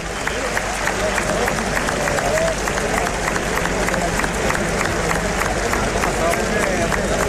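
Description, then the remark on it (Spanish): A large bullring crowd gives matador Talavante an ovation as he walks out toward the centre of the ring after the kill, dense clapping forming a continuous loud wash with a faint murmur of voices underneath, sustained without pause through the whole stretch. “Ahí está Talavante, que se va prácticamente a los medios para recoger la ovación del respetable.”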